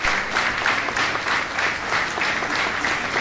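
Loud, sustained applause from a large crowd at the funeral of Eugénio Fonseca, former Cáritas president, as his body leaves the Cáritas headquarters in Setúbal, Portugal, for the cemetery; a dense wash of clapping that stays steady and strong throughout, with no voices standing out.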